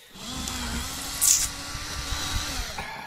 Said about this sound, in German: Jetzt bohre ich ein Loch in die Nuss. Das muss man bei einer dieser kleinen Vertiefungen hier machen. Na, dann spanne ich die Nuss einfach in den Schraubstock ein.